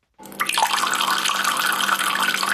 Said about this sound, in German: Im Moment sprudelt das Wasser noch aus den Quellen zu Wittnau, aber eben immer weniger.